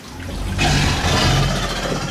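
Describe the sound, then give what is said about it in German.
Alligators roar with a deep, rumbling bellow that swells after a brief moment and holds loudly for over a second, its low growl wrapped in a rough, breathy hiss. “Und unsere Alligatoren, ich habe schon gesagt, können eben auch brüllen. Hören wir uns die einmal an.”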